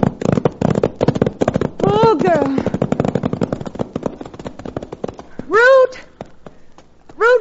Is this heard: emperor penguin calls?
no